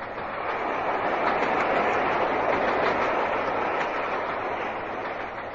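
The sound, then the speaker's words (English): A moving train rattles and clatters along the rails in a steady, continuous, loud roar, with no voices over it. “Come on, we'll scour the train.”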